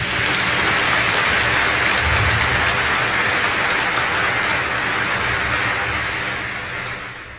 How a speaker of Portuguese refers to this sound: Uma salva de palmas ao Santo Evangelho.